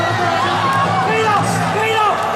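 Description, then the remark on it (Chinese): A crowd at a free-fighting (kickboxing) match cheers loudly and steadily for a couple of seconds, a dense roar of many voices with a few rising whoops and shouts cutting through. “就大多数人是欢呼， 对 啊，这个是又放心又欢呼啊，狂喜。”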